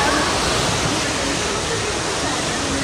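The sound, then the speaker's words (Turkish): A steady, loud roar of rushing floodwater pours continuously from an overflowing stream in Demre, Antalya, where flooding has inundated dozens of houses; a dense, unbroken wash of churning water sound that holds constant throughout. “Özellikle Demre ilçesinde derelerin taşması sonucu onlarca evi su bastı.”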